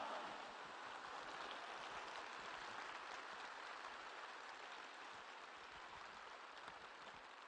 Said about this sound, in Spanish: dale un fuerte aplauso al Rey de Reyes y al Señor de Señores. ¡Pero que se oiga!